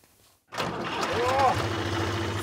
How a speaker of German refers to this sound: Für manche ist das Beste überhaupt. Einmal Trecker fahren.